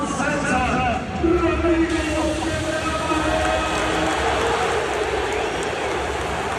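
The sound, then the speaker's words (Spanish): A large crowd at Camp Nou applauds and cheers FC Barcelona's new midfielder Capel in a dense, continuous roar of clapping and voices that stays loud and steady for several seconds, with a brief surge early on. “El sonido, aparte de los discursos y demás, ha sido cuando el Camp Nou se ha rendido a su nuevo mediocentro.”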